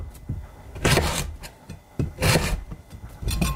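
A knife saws through a hard carrot, cutting it into small pieces, in three loud, rasping strokes about a second apart, each a crunchy scrape against the board, with quiet pauses between and no talking.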